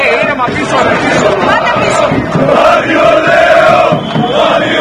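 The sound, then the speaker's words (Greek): Aris fans applaud and chant slogans as Vassilis Spanoulis appears at Makedonia airport, a loud, dense crowd roaring continuously, many voices shouting and chanting together in a sustained, echoing wall of noise, with no individual speech standing out. “Οι φίλοι του Άρη ξεσπούν σε χειροκροτήματα και συνθήματα.”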